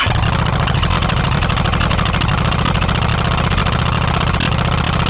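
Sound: motorcycle engine idling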